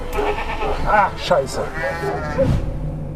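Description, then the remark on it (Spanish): A ram bleats in a drawn-out, quavering call that wavers across several seconds, moderately loud, with some rustling background noise beneath it. “Este carnero es el ejemplo perfecto de que hay quienes muerden la mano que te da de comer.”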